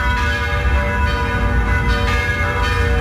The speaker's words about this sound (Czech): Začaly znět zvony všech pražských kostelů.